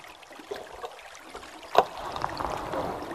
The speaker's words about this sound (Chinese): 甚至我们现在保持安静，在极度安静的情况下，我们能听见河里在啃食树枝的那个咀嚼的声音，咔吱咔吱咔吱咔吱。